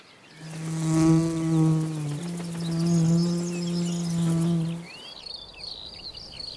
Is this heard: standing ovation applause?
no